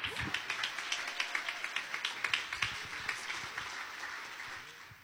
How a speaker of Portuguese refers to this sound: Receba o servo de Deus com muita alegria e palmas que exalte o Senhor Jesus.